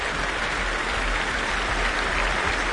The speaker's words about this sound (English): returning once more to take the applause on his own.